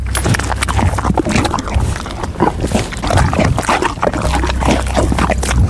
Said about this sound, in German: Ich habe eher den Eindruck, sie trinkt irgendwas, schmatzt ganz schön. Also es klingt auch sehr sabber, flüssig. Ach, jetzt weiß ich's doch. Die Pferdedame Didi frisst gerade eine Banane.